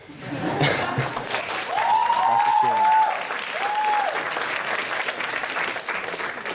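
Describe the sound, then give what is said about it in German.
The audience of a TV debate show breaks into sustained applause, a dense wash of clapping that holds steady for several seconds, with a few whistles and cheers rising through it. “So, ich glaube, wir finden da jetzt erstmal gerade im Zwiegespräch keine Lösung, aber du hast ja das Publikum bemerkt, sie sind auf jeden Fall auf deiner Seite.”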